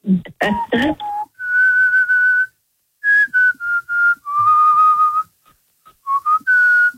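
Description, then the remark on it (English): A breathy pan flute plays a slow melody from The Lion King score, long held notes in phrases separated by short pauses, following a brief burst of other sound at the start. “That was the pan flute from The Lion King.”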